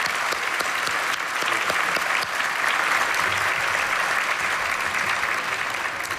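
A large audience stands and breaks into loud, sustained applause for Pentecostal theologians and the authors of a book. The clapping is a dense wash that holds steady throughout without any speech over it.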